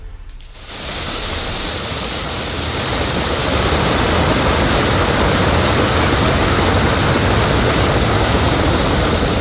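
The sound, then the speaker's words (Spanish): Water gushes forcefully from a fire hydrant water outlet whose cover was stolen, on Avenida 4 Oriente at Calle 12 Norte in Puebla, around 2 pm on a Wednesday, a loud, steady roaring hiss that starts abruptly and continues unbroken, with no voices. “Agua de Puebla ignoró la fuga de agua y tuvieron que ir los bomberos.”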